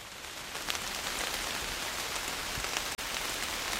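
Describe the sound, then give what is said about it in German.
Steady rain patters across the leaves of large beech trees by a pond in Hainich National Park, Germany, in a dense, even hiss with scattered brighter drops, constant all around, with no voices. “Dort angekommen hat es bereits zu regnen begonnen. Doch der Blätterwald bietet einen guten Regenschutz.”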